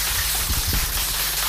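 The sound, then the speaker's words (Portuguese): Steady applause from a crowd of service users, a dense, continuous patter of many hands clapping at an even loudness, with no voices over it. “Ora, eu quero ouvir uma salva de palmas.”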